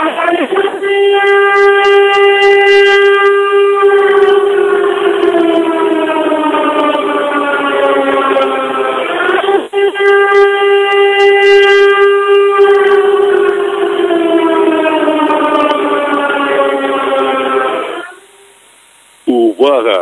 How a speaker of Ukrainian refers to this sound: Громадяни, повітряна тривога, жовтий рівень загрози. Якнайшвидше дістаньтесь захисної споруди або іншого безпечного місця.